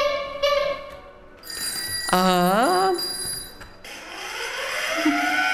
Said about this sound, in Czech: Takže takovýchto interaktivních prvků mechanických, tak těch je tady asi 30. Každý z těchto zvuků, zvonků má svůj unikátní zvuk. Teď si ho můžete poslechnout.